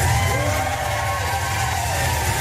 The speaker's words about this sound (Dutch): De Oekraïense president Zelensky werd met gejuich onthaald in Londen.